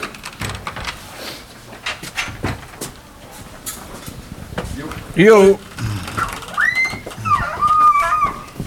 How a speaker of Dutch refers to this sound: Zo, we sluiten de deur.